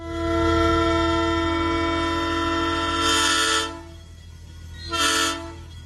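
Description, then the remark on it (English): A train whistle sounds one long, loud, steady blast followed after a brief pause by a short one, the signal for approaching a railway station, with a low rumble of the engine underneath. “Approaching a railway station, a long and a short blast.”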